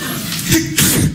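A loud sneeze, caused by an allergy, bursts out: a short breathy buildup followed by a sharp, forceful explosive release, heard on its own with no talking.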